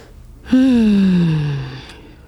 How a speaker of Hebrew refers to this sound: רגע, נסדיר נשימה.